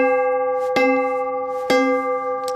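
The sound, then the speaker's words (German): Two emergency bells made from army truck brake drums are struck twice, each clang ringing with steady, sustained metallic overtones that hum on between strikes. The sound is fairly loud, with no voices. “Wir haben also hier zwei Notglocken und ich schlage die mal an, die klingen gar nicht so schlecht.”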